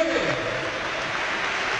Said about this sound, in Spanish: Palco, hay cambio ahora de Levante, se marcha Brugué. Se levanta medio Ciudad de Valencia, por no decir entero, con cánticos de Brugui. Brugui se marcha al doblete, se marcha el capitán, entra Paco Cortés.